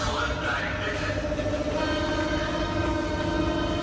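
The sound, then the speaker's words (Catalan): A Berlin metro train rumbles along steadily during a heat wave, its loud, continuous roar filling the space with rattling and clatter, heard from inside a carriage with the windows opened because the trains have no air conditioning. “És el metro de Berlín en plena onada de calor.”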